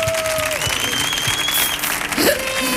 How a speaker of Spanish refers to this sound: Mire, fuerte el aplauso